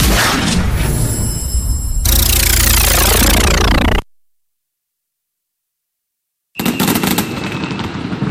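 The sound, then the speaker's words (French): Fireworks in a Brico Marché du Tillot radio advert for the 14 July weekend: loud crackles and pops in a dense barrage, then a descending whistling sweep. After a few seconds of silence, another burst of rapid crackling explosions follows. “Pour le week-end du 14 juillet, profitez d'un feu d'artifice avec votre carte fidélité Brico Marché du Tillot.”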